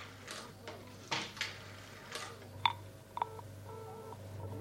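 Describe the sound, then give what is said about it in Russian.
A telephone number is dialed: a few soft clicks and knocks of handling, then several short electronic keypad tones in an uneven sequence, fairly quiet, with no one speaking. “Набирай снова.”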